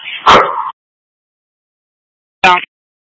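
Dogs bark twice, loud, with a long silent gap between the first harsh, drawn-out bark and a shorter, sharper one. No one speaks.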